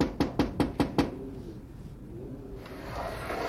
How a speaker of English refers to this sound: There's Grandma Sutton's window. I'll knock.